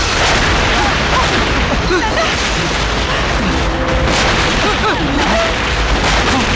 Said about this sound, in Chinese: 奶奶， 共军的总攻开始了。 总攻，这是总攻的炮声。